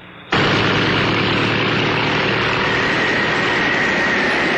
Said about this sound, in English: These giant fans whip up winds that could mean trouble for some little cars. But this little car is Ford's Pinto with a wider stance than any little import.